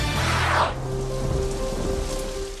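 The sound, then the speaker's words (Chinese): Heavy rain hisses steadily throughout, with a brief rumbling burst of thunder near the start and faint sustained tones emerging underneath toward the end. No one speaks. “夏季雷雨天气频繁，雷电具有强大破坏力，易造成人员伤亡和设备损坏。”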